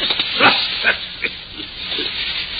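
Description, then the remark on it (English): A male dog with a shoe in its mouth, being told to drop it, makes a few short, snorting grunts and low growls at irregular intervals over a steady hiss of background noise. No one speaks. “Did the dog bite it?”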